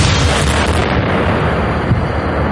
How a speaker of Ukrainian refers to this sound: Вибух шахеда дав мінімальне проникнення в товщу бетона і всередині не було жодних уламків.